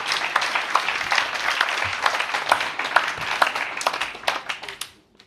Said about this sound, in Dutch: Geef ze een applaus.